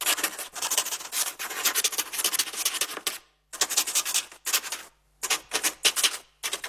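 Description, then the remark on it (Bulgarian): A duck-feather quill pen scratches across paper in quick, raspy strokes, grouped into bursts with short pauses between them as it lifts. Crisp, with no voices. “Това е звук от паче перо, което пише по хартия.”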